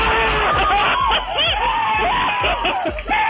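A crowd cheers loudly and steadily for a few seconds, many voices overlapping in a dense roar with rising whoops and shouts layered on top.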